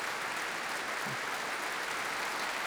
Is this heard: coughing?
no